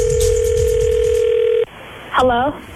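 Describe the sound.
A steady electronic ringing tone plays over a phone line for over a second as a call is placed to a girl's cell phone, then cuts off abruptly as the call connects and a voice briefly answers.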